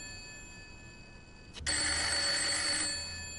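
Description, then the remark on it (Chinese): A telephone bell rings loudly at night in one sustained burst, about a second long, after a quiet stretch of faint electrical hum. No one speaks. “一定是丽人打来的，除了他，没人打这个电话”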